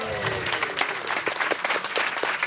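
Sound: clapping and cheering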